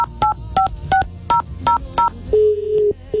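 A rapid series of about seven short touch-tone dialing beeps, evenly spaced and clear, followed by a longer steady tone as the call connects, as a phone call is dialed to a prize winner in the city of Santa Cruz.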